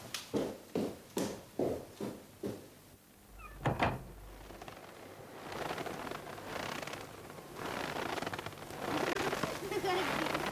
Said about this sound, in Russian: Сестра выбегает в сад, я слышу под окном хруст ее шагов.